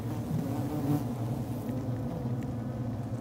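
A dense, steady hum of many honeybees buzzing together inside a hive, continuous, with a layered droning and no pauses or voices.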